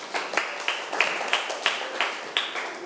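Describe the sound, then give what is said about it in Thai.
A group claps together for a participant who has just answered a question correctly, in a steady, even rhythm, about three sharp claps per second, moderately loud with a soft wash of scattered clapping between beats and no talking. “ถูกต้องค่ะปรบมือให้เพื่อนหน่อยค่ะ”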